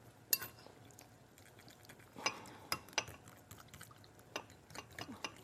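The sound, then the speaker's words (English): A fork taps and scrapes against a bowl in quick, uneven clinks while whisking a thick sauce made with salt, fresh ginger and fresh garlic until smooth, fairly quiet, with no talking. “I think that's a little too much work, so we're just gonna whisk this up. I'm gonna start with a fork.”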